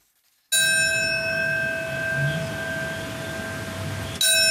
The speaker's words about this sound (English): On September 11, for the 25th year, bells will mark by the minute the moments that changed the world forever.